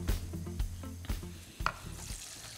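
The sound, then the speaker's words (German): Water is poured onto Himalayan basmati rice in a hot pan with a loud, steady sizzle and hiss, with a few sharp bursts and clatters near the start; no one speaks. “So, Wasser gebe ich drauf.”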